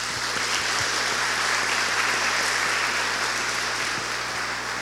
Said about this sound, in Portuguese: Caetité, na Bahia. Deus abençoe, seja bem-vinda, né? Muito bem, palmas para ela, né?